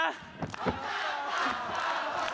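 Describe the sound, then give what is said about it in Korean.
A large crowd at a show shouts together on the host's call to scream if they are having fun, in a loud, dense roar, with a couple of sharper vocal bursts early on before the massed yelling settles into a steady, sustained wall of voices. “자, 즐거우면 소리 질러!”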